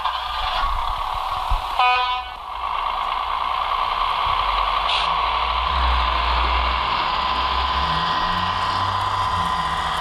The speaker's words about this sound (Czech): Který vlak právě odjíždí. Vy znáte se v těch typech?